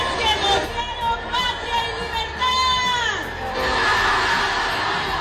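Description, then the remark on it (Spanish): A crowd shouts "viva" together, noisy, voices overlapping. Then a louder, sustained recorded shout rises from behind over the hubbub and holds to the end. “Si oíste ahí el se escucha primero la gente, el viva, y luego se escucha atrás bien fuerte el grabado.”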